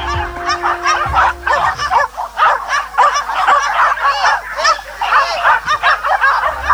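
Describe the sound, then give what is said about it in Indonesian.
Dozens of impatient hunting dogs bark nonstop before a wild boar hunt (Moro Bagong tradition) in West Java, overlapping yelps and barks merging into a loud, dense chorus with no pauses and no voices. “Puluhan anjing pemburu pun terlihat mulai tidak sabar dan terus menggonggong tiada henti.”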